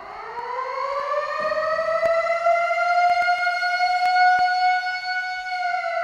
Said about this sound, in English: You heard it correctly, folks. It's your 10-minute warning. I've got a different siren this time.